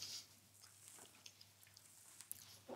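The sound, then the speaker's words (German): Quiet chewing with soft crunchy crackles and small clicks, scattered irregularly across a few seconds, as someone bites into a black muffin with a crunchy crumble topping; no one talks. “Naja, besser nicht so reinbeißen, sonst kann man danach nicht gut reden.”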